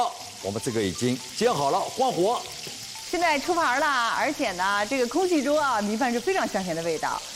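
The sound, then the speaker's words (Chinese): Patties of mashed pumpkin bound with mashed yam pan-fry over low heat in flaxseed oil, about one minute per side, sizzling steadily with a constant crackling hiss running the whole way through while people talk loudly over it. “好，我们这个已经煎好了，关火。”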